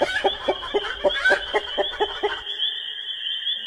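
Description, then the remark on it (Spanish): A hen clucks in a quick, even run of about nine sharp clucks, close and fairly loud, then falls silent while a thin steady high-pitched tone lingers. “Agarró el cuchillo y fue a buscar el ingrediente principal: la gallina.”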